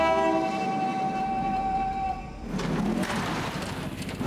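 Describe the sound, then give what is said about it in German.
A train sounds a steady, sustained horn for about two seconds, then the horn stops and a loud rumbling, clattering rail noise carries on. No one speaks. The train is at Ban Lem, in a loop of the Tatschin river, where its line ends. “Für den Zug ist sie eine Sackgasse.”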